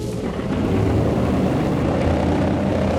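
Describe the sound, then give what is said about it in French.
Steady, loud roar of a large four-engine propeller airplane's engines being started at an airport terminal at night as it departs for the United States carrying Léon Blum, pivoting slowly and beginning to taxi; a dense low drone that swells slightly and holds without pause, with no voices. “Les moteurs sont lancés et l'avion, pivotant tout doucement sur lui-même, roule lentement d'abord, accélère ensuite, et disparaît rapidement dans la nuit.”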